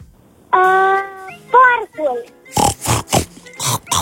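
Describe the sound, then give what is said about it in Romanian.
A person imitates a pig: a long, high nasal squeal, then shorter wavering oinks and a quick series of rough, breathy snorts, loud and alone. “Porcul. A fost bine?”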